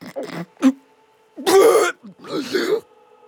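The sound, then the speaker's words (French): A voice imitates an ogre's terrible hiccups: two short clipped gulps, then two longer, harsh, throaty bursts with brief pauses between them. No words are spoken. “Les petites ogresses dans son ventre, l'ogre a eu un hoquet terrible.”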